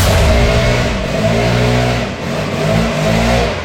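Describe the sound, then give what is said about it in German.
A leaf blower outside a front door roars loudly and without pause, its engine drone wavering slightly in pitch as it surges and eases over a few seconds, with no voices. “Hier wird das Haus gestemmt und jetzt auch noch der lauteste Laubbläser Deutschlands vor meiner Haustür.”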